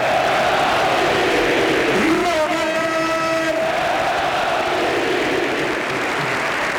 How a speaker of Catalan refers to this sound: Us demanem, si us plau, un aplaudiment enorme per Robert!